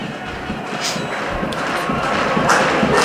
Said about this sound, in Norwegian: Publikum klappe.